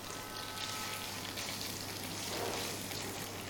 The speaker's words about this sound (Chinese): 好，我们在炒香干的时候，因为我锅里已经有底油了，这个时候要调成大火来爆炒。